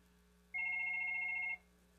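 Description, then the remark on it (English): A single bright electronic telephone ring lasting about a second, from a caller holding on the line for the on-air show Swap Shop, over a faint steady hum. No one speaks. “It's ringing, so let me push this button and see if I can get it on the air.”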